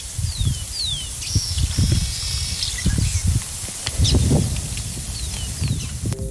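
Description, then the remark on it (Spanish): Steady desert wind rushes and gusts across open ground while small birds chirp intermittently with short, high, sweeping calls, with no one speaking. “Y ahí, obviamente, el sonido ambiente, el viento, pajaritos. Escuchemos un poquito, ¿eh?”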